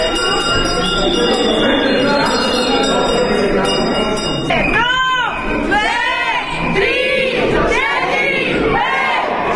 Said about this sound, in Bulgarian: 12-класниците за последен път чуха училищния звънец.